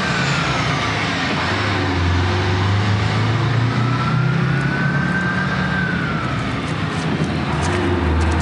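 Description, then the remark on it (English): A bus pulls away from a desolate street, stirring dirt from the ground, with a loud, steady diesel rumble. A faint high whine rises and falls above the engine. No one speaks. “Dirt stirs from the ground as the bus pulls away.”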